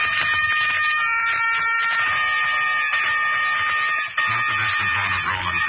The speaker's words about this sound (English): For the strident horn of the motor car that was to take an American child away from the scenes of his happiest years and send him on his journey home.